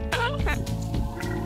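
Deep, rough grunting from a herd of cattle or bison on a pasture, mothers with their calves, several loud guttural bursts overlapping in a steady low rumble with no pause throughout.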